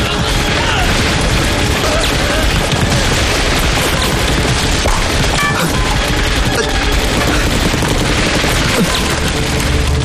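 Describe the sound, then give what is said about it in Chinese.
Dense, sustained gunfire from a warehouse across the way fills the whole stretch, rapid bursts overlapping with booms and crashing impacts, loud and chaotic without a pause, like an intense firefight. “你听，对面仓库也有枪声。”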